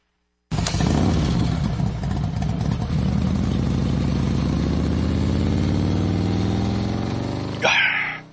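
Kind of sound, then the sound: vehicle, motorcycle engine driving away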